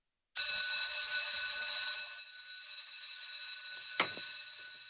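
An electric school bell rings loudly and continuously through the schoolrooms in Wald, a harsh metallic clatter that starts abruptly and keeps going, easing slightly in volume partway through, with no voices around it.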